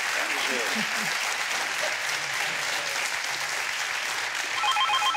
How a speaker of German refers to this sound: Dann schicken wir den Applaus zu Ihnen und viel Spaß mit dem neuen Rad, das Sie sich aussuchen.